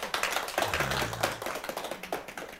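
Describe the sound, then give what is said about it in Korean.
A room full of people applauds for Songsa: a dense, steady patter of many hands clapping at once for a few seconds, moderately loud, with a faint murmur of voices underneath. “자, 우리요, 송사님 위해서요, 박수 한번 칩시다요.”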